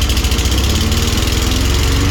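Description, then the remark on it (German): An old, small petrol lawn mower engine chugs steadily, its loud, throbbing low-end putter pulsing in a fast, even rhythm with a buzzy rattle on top, no voices. “Du willst doch diese schönen Stunden, diese tollen Momente mit deinem alten Rasenmäher, die willst du uns vermissen lassen.”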